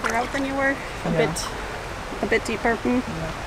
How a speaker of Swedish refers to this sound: It's really quite fun to have your feet in the water.